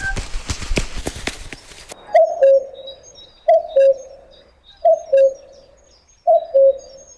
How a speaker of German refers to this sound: Ist das beruhigend, die schönen Vogelstimmen? Oder denkt ihr, hat er jetzt im Radio einen Vogel? Nein, wir haben es gerade gehört, Vogelstimmen sollen gut tun, wenn man sie hört.